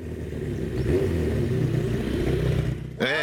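A car engine, now running on four cylinders, rumbles steadily, its low growl rising and falling slightly, then a sharp rev near the end sends the pitch climbing.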